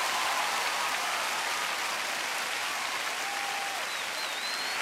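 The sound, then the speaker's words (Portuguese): A large audience at a worship service claps steadily and loudly for the Lord, a dense, continuous wash of applause filling the space, with a few faint whistles or cries rising above it. “aplauda mais forte o Senhor se você crê mesmo, querido.”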